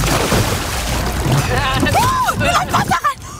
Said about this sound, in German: Ja, da warst du noch vor der sogenannten Kenterrolle. Da hast du dich getraut. Also einmal das Kanu um die eigene Achse drehen, dabei unter Wasser tauchen. Falls du dich fragst, wie das hier geklungen hat, es klang so.